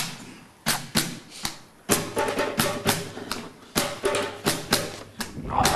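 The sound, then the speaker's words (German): Djembe drumming of a beat requested by the audience: a run of sharp, slapping hand strikes in an uneven, syncopated beat, some hits doubled quickly, with deep thuds underneath, moderately loud and without voices. “Und Sie dürfen sich jetzt einen Takt von uns wünschen, den wir Ihnen vortrommeln würden.”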